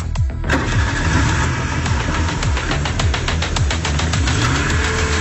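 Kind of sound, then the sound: vehicle, car engine starting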